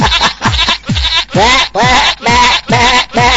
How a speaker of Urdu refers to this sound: کیا لے کے آئیں یہ بکرے؟ لے کے آئے کوئی بکرے نہیں, بکری کا بچہ ہے, بکرا آئے گا ابھی.